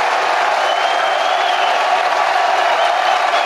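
A large stadium crowd in Morgantown stands and roars during a college baseball regional final between West Virginia and the Kentucky Wildcats, with a chance to load the bases, in a steady, loud wash of sound that holds for several seconds, with a thin whistle-like tone drifting through it.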